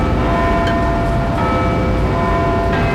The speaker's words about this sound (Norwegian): Jeg hører noen klokke. Det kyrkja, kanskje. Det trafikk og masse folk. Kanskje det et klokketårn? Hva tror du, kjære lytter?